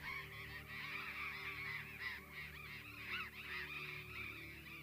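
A dense, continuous chorus of harsh squawking from a large colony of burrowing parrots near Viedma and the El Cóndor beach resort in Patagonia, one of the largest such colonies in the world, many overlapping calls at once, loud and steady throughout with no talking.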